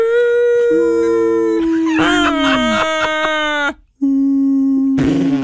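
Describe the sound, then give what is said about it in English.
A voice imitates whale song with long, loud moaning tones that bend and glide in pitch, one drawn-out call after another with a brief gap near the end. “Dad, do you hear the sound of the whales?”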